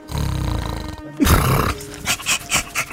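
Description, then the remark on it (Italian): A man imitates a dog, acting as a giant Sicilian schnauzer, starting with a low, rumbling growl, then a loud harsh bark, followed by a quick series of about four shorter rhythmic barks, clear. “si desta guardingo come un vero cane. Bau, bau, bau, bau!”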